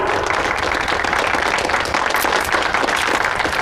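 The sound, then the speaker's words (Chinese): A crowd applauds warmly to thank Chairman Zong, dense overlapping claps forming a steady, loud wash of sound that holds evenly throughout without pause. “让我们再一次以热烈的掌声感谢宗会长。”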